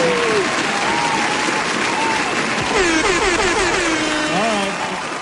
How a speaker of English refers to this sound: Yeah, play some applause and stuff. Play some sound effects, man. Play some.